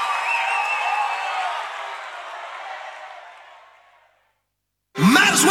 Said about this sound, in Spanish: Un fuerte aplauso